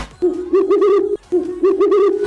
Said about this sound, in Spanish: ¿Lo escucharon? El búho, ¿ya? Mi suegra despertando por la mañana. Un búho.